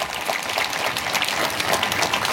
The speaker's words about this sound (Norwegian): gjestene våre står i kø foran det her publikummet som dere hørte litt applaus fra.